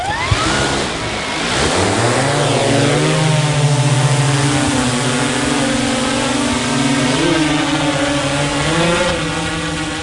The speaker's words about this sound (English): Disappears quite quickly, doesn't it? Within seconds, the drone disappears from our naked eye view.